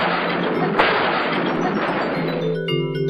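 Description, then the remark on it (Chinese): A loud, steady roar of thunder rumbles for a few seconds with one sharper crack early on, then gives way abruptly to bright, sustained tonal notes. “当这种声音出现的时候，天空都会变得灰蒙蒙的，还伴随着一道道闪电，预示可能会下雨，是打雷，是打雷的声音。”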